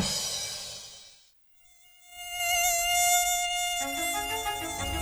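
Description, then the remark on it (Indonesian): A mosquito's thin, high-pitched whine hums, fades out briefly into silence for about a second, then returns steady and insistent. No one speaks. “Secara historis, Islandia tidak pernah memiliki populasi nyamuk permanen karena iklimnya selalu mengganggu siklus hidup serangga ini.”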